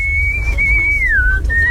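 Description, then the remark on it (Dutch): A person whistles a short melodic phrase alone, a clear, steady tone that bends gently downward before settling, with a low rumbling hum in the background. “En je kunt het influiten.”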